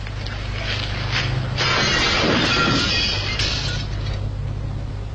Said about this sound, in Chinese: 他最后想出了一个万无一失的办法，他用纸包好了一块砖头，来到了商业区一家店铺的玻璃橱窗前。他举起手里的砖头，闭上眼睛，用全力朝橱窗丢了过去。